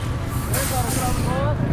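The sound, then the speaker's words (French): A white bus pulls into a parking lot: a steady low engine rumble, a sudden broad hiss of air brakes, then thin, wavering brake squeals as it slows to a stop. “Là, il y a un bus qui arrive, un bus blanc, qui arrive sur ce parking.”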